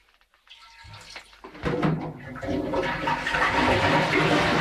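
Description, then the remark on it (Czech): After a few soft clicks, a steady stream of water is poured from a kettle and splashes into liquid, imitating urination at a men's urinal as a sound effect for a recording. The stream grows louder and fuller and continues without a break. “Je tam čurání, zavírání dveří, tak to nám pomáhala Jitka Pistoriusová.”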